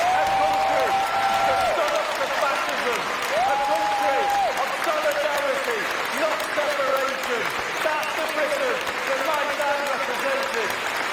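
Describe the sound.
Loud, sustained applause and crowd cheering at a speech fill the whole stretch as a dense, steady roar, with the speaker's amplified voice rising and falling beneath it, partly drowned out, as he speaks of the United Kingdom his father represented and the National Health Service.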